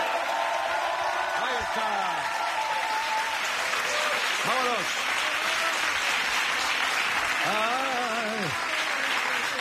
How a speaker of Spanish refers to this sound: Pero se han aplaudido ahora, ¿qué quieres tú también? Poco me ha parecido.